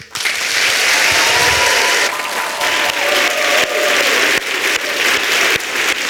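Sustained audience applause fills the whole stretch, a dense, steady wash of many hands clapping at close range, with faint tonal murmurs beneath and no clear speech.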